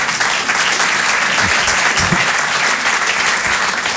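A crowd claps steadily in sustained applause, a dense even patter of many hands that holds at a constant level for the whole stretch, with no voices standing out.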